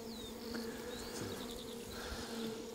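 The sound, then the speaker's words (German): A dense, steady hum of many honeybees buzzing inside an opened double-walled, hemp-insulated hive box whose honey the beekeeper does not harvest, with faint high chirps of birds in the background and no voices. “Das sind die Bienen für sich. Das ist eine so eine Kiste.”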